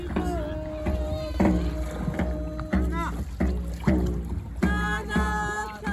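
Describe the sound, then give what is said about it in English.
A group of voices sings a chanting melody while paddles strike the water in a steady rhythm, roughly every half second, fairly loud throughout, as a boat is paddled out into a bay toward Range Island, a small island about a mile out. “Recording that sound right there, the sound of singing and paddling,”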